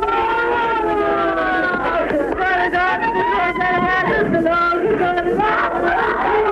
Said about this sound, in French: Des cris de femmes, des scènes de désespoir, les prières d'une foule accrochée, agglutinée au gris du charbonnage.